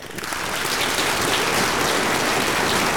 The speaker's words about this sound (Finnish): Mä annan sulle aplodit.